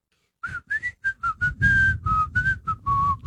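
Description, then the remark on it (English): Someone whistles a short melody, about a dozen clear notes, some clipped and some held, shifting up and down in pitch, with a breathy rush beneath the tone. “…, can you whistle?”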